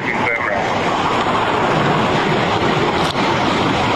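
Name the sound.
rushing floodwater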